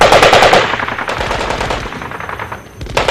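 Rapid, sustained fire from a Minimi machine gun, strafing downward during a military hostage-rescue exercise, rattles in dense, loud bursts; overlapping shots form a continuous barrage with a brief lull before another burst near the end.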